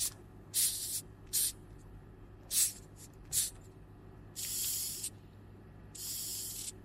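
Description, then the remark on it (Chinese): A hissing cockroach gives a series of breathy hisses: four short, sharp bursts followed by two longer, steadier ones, each fairly loud against quiet background hum, with no talking. “就是它就会发出那种嘶嘶声，就是如果说你在它的面前去听的话，你其实发现声音也不小，还挺大的，嗯。”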